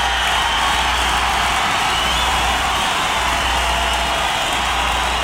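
A dense, steady roar of a concert crowd cheering and clapping, sustained and loud throughout with no pauses and no clear voices standing out.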